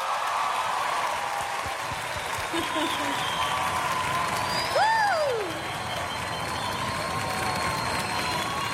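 Steady, dense audience applause welcoming a guest singer to sing a song, a broad wash of clapping with crowd noise and a brief whoop or cheer rising over it midway.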